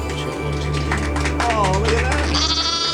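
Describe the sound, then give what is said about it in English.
A person imitates a sheep, producing a loud, quavering bleat whose pitch wobbles up and down before ending in a higher, strained tone, with a low steady hum underneath. “You don't have to do it, but I'm going to do it as a sheep.”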